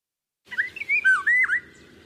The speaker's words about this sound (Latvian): Vālodze ir Latvijā ļoti izplatīta ligzdotāja. Ja mēs atkal skatāmies Latvijas biežāko ligzdotāju sarakstā, tad tā ir 45. pēc biežuma.